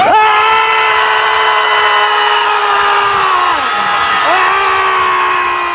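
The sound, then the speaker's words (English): A group of people screams together on a count of three, letting it all out at full power, in one loud, sustained chorus, the pitch sliding down and breaking briefly before the yelling swells back up and carries on. “you're just yelling at clouds or you're screaming into the void”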